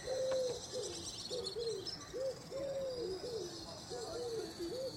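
A bird calls repeatedly, giving a steady series of short, low, hooting notes over a constant background hiss, clear, with no one speaking.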